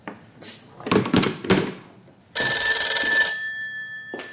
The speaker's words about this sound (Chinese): 刚放下电话，电话铃又响了起来